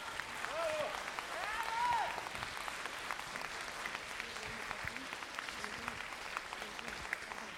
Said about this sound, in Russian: Спасибо за такие аплодисменты добрые.